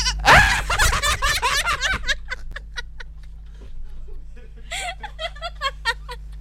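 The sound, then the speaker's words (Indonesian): A person imitates a goat's bleat with a loud, quavering, vibrato-laden cry, followed by softer, shorter pulsing bleats that trail off and return briefly near the end. “Terus pernah niruin suara trompet sama kambing coba?”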